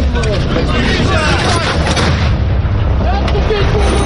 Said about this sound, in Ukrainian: Броньовик здригається від близьких вибухів.